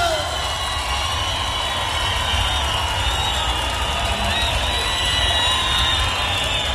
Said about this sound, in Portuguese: Cadê os aplausos?